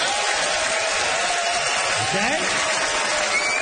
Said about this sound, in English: it's time for our Charlottetown audience to place a vote by applause.